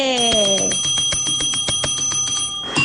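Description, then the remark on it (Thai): A bright bell, pressed during the Thai radio show Variety on Radio, rings in a rapid, steady series of sharp, loud strikes, its metallic tones sustaining and ringing together throughout the short burst. “กดกระดิ่งหน่อยอีกรอบโอเคเป็นนิมิตหมายว่าดีเจมาแล้วนะคะ”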